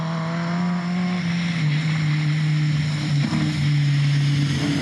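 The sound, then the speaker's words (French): A loud car engine drones with a steady, buzzing tone, its pitch dipping and rising slightly as the throttle shifts, with a broad rushing noise underneath and no voices. It is a 212-horsepower DS competition car driven on a badly rutted dirt track. “Voilà, le moteur il miaule.”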